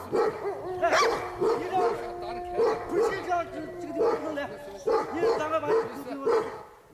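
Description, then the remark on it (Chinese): Wolves fight, loud snarls and sharp yelps coming in a rapid, ragged series of bursts, with whining cries running between them throughout; a she-wolf and a large male wolf clash after wolves meant to be paired for mating were mixed up. “竟然搞混了要配对的狼，引起了狼的打斗。”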